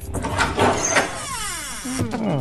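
The door of a newly bought, plugged-in, empty refrigerator swings open with a drawn-out, squeaky creak, its pitch gliding and wavering over a second or so after some brief handling clatter.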